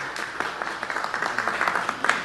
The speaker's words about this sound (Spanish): Muchas gracias. Fuerte los aplausos, por favor.